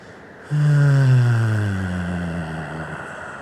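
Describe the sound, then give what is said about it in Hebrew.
A long, low voiced exhale of release after a deep, held breath in a breathing exercise, using the voice to relax the body: a steady hum-like sigh that starts abruptly, holds a deep droning pitch with slight downward drift, and fades gently over about two and a half seconds. “ונוציא צליל של הנחה, כזה.”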